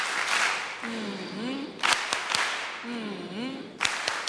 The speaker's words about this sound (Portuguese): Queria pedir aos meninos aquelas palmas carinhosas para a nossa Presidente e a Assembleia da República.